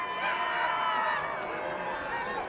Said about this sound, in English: What a beautiful day at Emerald Downs. This huge crowd is excited for some Corgi races.